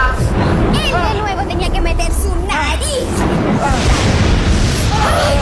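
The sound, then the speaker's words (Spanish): Heavy rain hisses steadily with deep, rumbling thunder booming underneath, while excited voices shout and call out over the storm throughout. “¡Uy! ¡Tanta lluvia! ¡Tormenta todo!”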